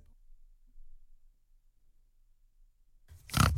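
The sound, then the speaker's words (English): After a stretch of near silence, a single short, loud oink from Flora the Pig, who lives at Tomar Retreat bed and breakfast at Mount Tomar in the Blue Mountains, bursts in at the very end, with no talking around it. “Hi, I'm Flora the Pig and I live at Tomar Retreat.”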